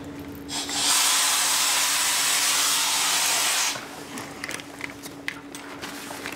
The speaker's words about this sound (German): Praktisch wie ein Staubsauger funktioniert das, ja? Das ist außen die Pumpe mit einem Sieb, das bediene ich halt. Und die Taucher sind unten und saugen halt ab, ne?